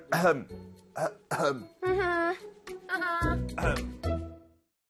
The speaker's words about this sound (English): Oh, why are you stuttering? Are you feeling guilty? Nonsense. 응? I was just clearing my throat.